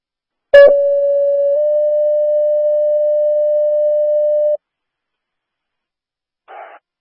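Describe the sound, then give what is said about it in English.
A sharp click, then a steady, mid-pitched electronic dispatch alarm test tone for an all-units alarm and radio check holds for about four seconds with a slight shift partway through. After a pause comes a brief burst of radio static. “Dispatch, all units, stand by for alarm and radio checks.”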